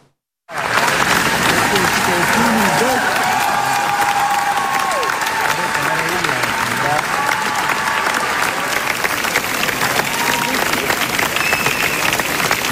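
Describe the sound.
Sustained, dense standing ovation from a large festival audience after the world premiere of the film Fjord by Cristian Mungiu, lasting 12 minutes, steady and loud throughout, with scattered cheers and faint voices mixed into the clapping after a brief silent start.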